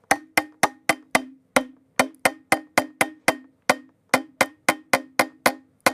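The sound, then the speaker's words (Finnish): The opening of a song tapped out with a pen on a water bottle for a radio contest in which music is played on unusual instruments: about seventeen sharp, ringing knocks in a lively, uneven rhythm, each with a short hollow tone that fades quickly. No one speaks. “Ja tämän päivän biisi, joka soitetaan mun vesipullolla ja kynällä, kuuluu siis näin.”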